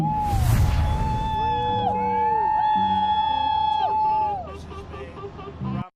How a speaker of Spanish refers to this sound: Y tras más de 10 meses de despliegue militar, el portaaviones USS Abraham Lincoln regresó hoy a San Diego, donde fueron recibidos entre gritos de alegría y aplausos.